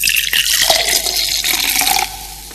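A cold fizzy drink is poured steadily, a bright hiss of bubbling liquid with small splashy pops, easing off into softer fizzing near the end.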